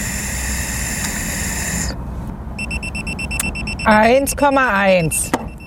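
A breathalyzer's electronic alarm sounds a steady, high-pitched tone after a stretch of background noise, after a man who has drunk 1.5 mugs of beer blows into it; a person's voice briefly talks over it near the end.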